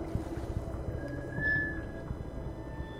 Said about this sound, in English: In a fetal position, my ear is right against the surface. I hear a constant lapping. The sound wumbles through the drum boat.